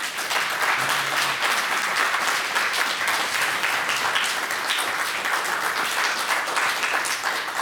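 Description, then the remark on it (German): Sustained applause from an audience for the conversation guests at the end of a programme, a dense, steady wash of many hands clapping at an even loudness throughout, with no voices standing out. “Das ist Ihr Applaus.”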